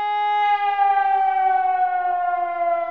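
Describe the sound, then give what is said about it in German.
A civil defense warning siren, sounding the long-familiar warning signal during a test of warning systems, wails steadily and loudly, its tone sliding slowly downward over a few seconds with no one speaking. “So klingt zum Beispiel das Warnsignal, das auch viele noch aus früheren Zeiten kennen.”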